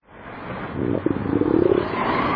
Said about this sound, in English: That rumble you hear isn't thunder over Nebraska. It's your stomach.